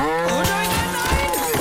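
A cow moos in one long, drawn-out low call, fairly loud, with no talking over it.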